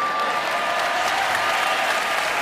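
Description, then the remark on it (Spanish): Sustained applause from a concert audience in Valencia calling for one last piece, a dense steady wash of clapping hands that holds at an even, fairly loud level throughout, with no voices standing out. “Es fantástico escuchar esos aplausos que piden.”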